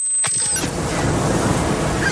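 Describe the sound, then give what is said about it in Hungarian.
A steady, full wash of surf rolls in after a brief sharp click at the start, sounding like waves breaking on a beach, with no voices. “Fehér házak a hegyoldalban, türkisz kék tenger, nyári esték a parton.”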